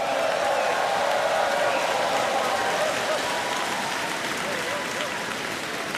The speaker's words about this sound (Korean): 네, 멋진 무대를 보여준 우리 극동방송 어린이 합창단에 다시 한번 큰 박수 보내주시기 바랍니다.